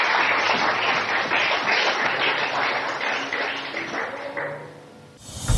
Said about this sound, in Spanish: Dele fuerte el aplauso al Señor en esta hora.